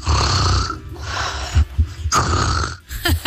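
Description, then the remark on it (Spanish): A mother snores: loud, rasping snores in three long drawn breaths, each a rough rumbling rattle with a noisy hiss, separated by brief pauses and a few soft snorts, with no talking. “Así es como suena el ronquido de mi mamá.”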